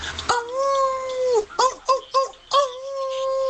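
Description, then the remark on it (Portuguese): A person's voice imitates a dog howling: one long wavering howl, a quick run of three short yelping whines, then another drawn-out howl, loud and with no talking. “que cadela no cio.”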